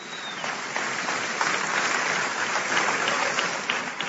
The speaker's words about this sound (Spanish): Un aplauso para el francotirador.